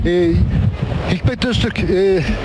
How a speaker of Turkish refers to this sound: bu yangın aslında 2 saat önce başladı, belki de 2-2,5 saat önce başladı ama rüzgar öyle bir esiyor ki 90-100 km süratle, görüyorsunuz havadaki dumanı, göz gözü görmüyor.